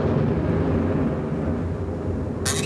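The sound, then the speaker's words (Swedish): A deep, continuous rumble of thunder rolls steadily through the whole stretch, heavy in the low end, with a brief sharp crackle bursting in near the end. “Ja, det var det jag kände. Oska och blixt.”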